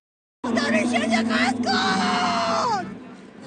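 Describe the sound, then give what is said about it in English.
A dense crowd of mourners in Tehran, Iran, at the public funeral of Iran's late supreme leader, cries out together in loud, sustained wailing and shouting, rising and falling in pitched waves before easing slightly toward the end. “In Tehran, crowds gather to offer prayers and mourn.”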